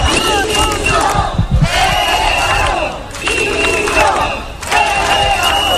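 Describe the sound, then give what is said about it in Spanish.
A crowd of about 300 protesters chants slogans in loud, rhythmic bursts in Ceuta, Spain, outside the Government Delegation, carrying Spanish and European flags. Voices rise together in repeated phrases with short dips between them. “Cerca de 300 personas salieron a la calle con banderas de España y de Europa, camisetas con mensajes como "quiero que me devuelvan mi libertad".”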